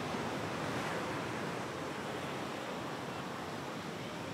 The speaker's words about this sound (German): Und dann kommt, wie jedes Mal völlig überraschend, das Wasser zurück.